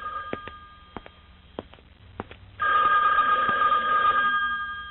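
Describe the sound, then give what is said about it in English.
A few sharp clicks sound, then an old-style telephone bell starts ringing loudly and continuously, a bright metallic trill that fills the rest of the moment, with no talking. “Oh, we need to have a little talk after I get the phone.”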